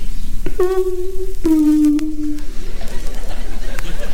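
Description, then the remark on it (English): A house doorbell, installed by the speaker's wife, rings twice, two sustained tones, the second slightly lower, ringing out clearly over a faint crackling background hiss. “One night, the doorbell rang.”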